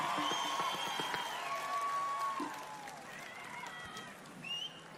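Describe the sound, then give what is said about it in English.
An audience applauds steadily for about five seconds at the performer's request. Scattered whistles and whoops rise above the dense clapping, and no one speaks over it. “Just a little bit of applause from you guys, and then we'll get going.”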